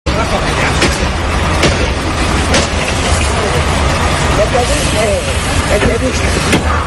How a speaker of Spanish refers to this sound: Lo que escuchas es la agresión al conductor de un autobús urbano de Avilés. El agresor estaba afuera, insulta al conductor, le intenta agarrar del brazo y le golpea el cristal de la ventana hasta que consigue romperlo.